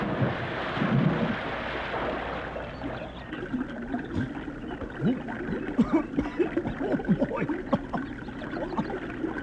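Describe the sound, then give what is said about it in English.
Fast-moving, swift river water rushes and splashes steadily, a dense churning wash with bursts of sloshing, while a man exclaims briefly over the noise. “Oh, this water's swift.”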